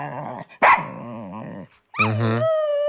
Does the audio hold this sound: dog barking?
yes